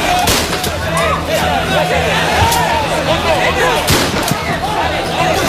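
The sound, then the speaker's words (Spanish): A few sharp gunshots fired into the air by the National Police crack out at irregular intervals, loud and echoing over a constant murmur of a crowd with scattered shouting in the background, amid a tense evening scene. “Son los disparos al aire por parte de la Policía Nacional y es que las escenas de tensión se repiten cada tarde-noche.”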